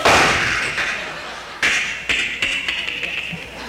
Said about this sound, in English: Walk on up to that front door. Don't use a key. Pull a doorknob off.